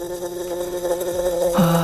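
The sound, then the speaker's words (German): A wasp buzzes steadily, its droning hum shifting slightly in pitch as it moves, growing a little louder near the end. No one speaks. “Wespen. Ich krieg schon Gänsehaut, wenn ich dieses Geräusch höre.”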